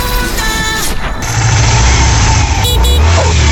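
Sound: motorcycle engine passing by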